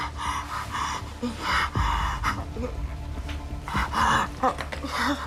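Heavy, labored breathing of a patient with oxygen saturation of only 74% and moist crackles suggesting beginning pulmonary edema, with repeated gasping inhales and rough panting exhales, fairly loud, continuing in a strained, uneven rhythm throughout.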